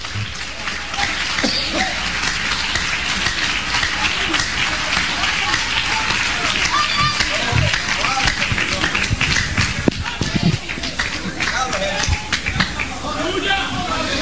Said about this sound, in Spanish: ¡Alabado sea Dios en esta hora! Oh, denle un aplauso al Cristo de la gloria.